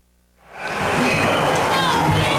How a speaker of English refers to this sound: Crowd still buzzing over that play at third base by Royals third baseman Josh Rojas.